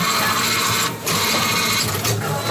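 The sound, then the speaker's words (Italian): A Coripet bottle compactor machine, activated with the Coripet phone app, runs with a loud, steady mechanical whir and rattle, briefly dipping twice as empty plastic bottles are fed in and crushed for recycling. No one speaks. “Ma io uso l'app di Coripet sul telefono e il compattatore si attiva. Poi inserisco le bottiglie vuote in questo modo qua.”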